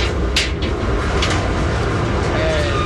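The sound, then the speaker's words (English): An industrial laundry dryer that holds about 100 pounds of laundry, in a Navy laundry, being opened, with a couple of brief latch clunks over a steady, loud mechanical rumble that continues throughout. “Right now I'm opening the dryer. This dryer holds about 100 pounds of laundry.”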